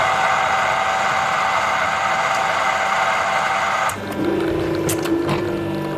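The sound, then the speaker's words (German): A touchscreen coffee machine at Kloster Baldeck monastery runs with a steady, loud mechanical whir for about four seconds, then switches to a lower, even pumping hum broken by a few sharp clicks. No one speaks. “Eine Kaffeemaschine mit Touchscreen, da bleibt kein Wunsch offen.”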